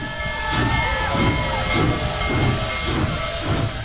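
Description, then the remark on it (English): The steam locomotive Big Boy Number 4014 hisses loudly with a steady rush of released steam at Greeley's 10th Street crossing, Colorado, as it bellows black steam and rings its bell, rhythmic chuffing pulses underneath and faint whistle-like tones, continuous with no one speaking. “Hundreds of spectators cheered as the locomotive bellowed black steam and rang its bell.”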